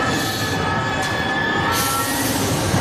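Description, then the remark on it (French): A Paris metro train brakes hard, its wheels letting out a sustained high-pitched metallic squeal over a loud, continuous rumble of the carriages, steady throughout. “Le métro à Paris l'a freiné rapidement et j'ai eu vraiment un son assez trident qui arrivait dans mes oreilles, à l'oreille gauche.”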